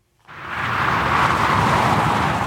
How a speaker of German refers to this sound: So klingt die A8 kurz hinter Augsburg, westlich.